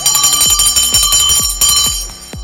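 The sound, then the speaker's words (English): A bright, insistent bell, rung to welcome a first-time caller, rings loud without pause, layered over a steady pulse of deep thumps about twice a second. No one speaks. “Alex, here's a bell for you.”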